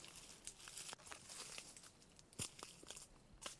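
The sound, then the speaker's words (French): Dry dead leaves crunch and crackle underfoot in a slow, uneven series of steps on ground covered with limestone rocks, passing between shrubs, with brittle rustling between the sharper crunches and no voices. “Les feuilles mortes.”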